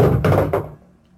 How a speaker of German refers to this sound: Ja, das war eben ein Beleuchtungskörper, der mir fast auf den Kopf gefallen ist. Ich bitte die Hörer um Entschuldigung.